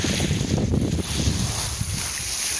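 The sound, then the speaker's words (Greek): Steady sea and wind noise outdoors at the shore in Santorini on a breezy day, a broad continuous rush with low gusty rumbles buffeting the microphone, fairly loud, with no voices. “Ήχος, παιδί μου, από τη θάλασσα, αυτό είναι, αυτό είναι.”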